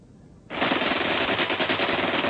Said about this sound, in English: Rifle and machine gun fire rained on them from above and to their front.